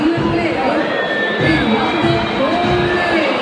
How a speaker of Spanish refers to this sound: Mirá, la gente vuelve a gritar la barra.